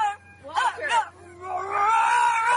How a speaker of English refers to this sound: gotta wait for the growl.